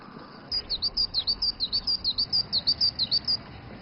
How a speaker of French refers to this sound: Et entendre le chant mélodieux des oiseaux de Yido l'a plongé quelque peu dans la nostalgie.